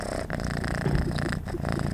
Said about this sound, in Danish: Så skal vi bare lytte til en kat, der spinder.